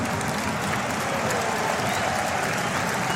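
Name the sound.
stadium crowd applauding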